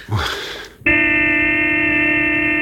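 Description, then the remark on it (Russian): A brief rush of noise gives way to a pickup truck's horn blaring outside a clinic in one long, unbroken honk, loud and steady with a buzzy, brassy tone, no voices. “А кто это гудит около самой клиники? Это наш пикап.”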